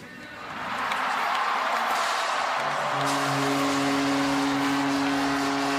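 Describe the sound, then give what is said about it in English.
A large crowd of fans in Toronto, watching the draft on the big screen at the Scotiabank Arena, erupts into a loud, sustained roar of cheering within the first second after the announcement that their team chose Gavin McKenna, and keeps it up; partway through, steady horn-like tones join in over the din. “Although the draft was in Buffalo, fans in Toronto watching on the big screen at the Scotiabank Arena went wild after the announcement that their team was choosing Gavin McKenna, born in Whitehorse.”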